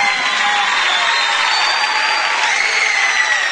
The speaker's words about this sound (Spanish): El aplauso fuerte